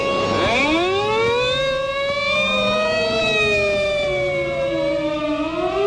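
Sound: police car siren wailing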